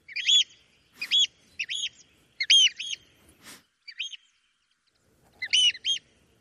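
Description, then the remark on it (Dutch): Loud, shrill calls of a bird flying over a newsroom building in the morning, where it has made a nest, ring out in quick repeated bursts, each a sharp high chirp, often doubled, with short gaps between, plus a couple of brief clicks and no talking. “Elke ochtend horen wij namelijk deze school extra luid over het gebouw vliegen, omdat hij vlakbij een nest heeft gemaakt.”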